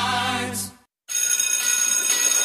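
A school bell rings loudly with a steady, rattling metallic clang that holds for over a second. It follows a brief tonal chime and a short silence, with no voices.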